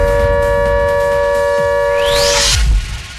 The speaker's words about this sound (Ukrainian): Увага, увага! Повітряна тривога триває. Залишайтеся в укриттях.